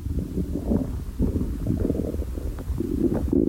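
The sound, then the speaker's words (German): A very hungry person's stomach growls, heard through a half-open door. The growl is loud and low and rumbles and gurgles continuously for a few seconds, with bubbly, churning pulses and no one talking over it. “Ihr hört bestimmt meinen Magen knurren durch die halb geöffnete Tür.”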